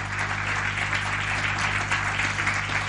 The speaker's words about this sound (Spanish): ¿Cuánto le dan un aplauso grande al Señor y a su palabra?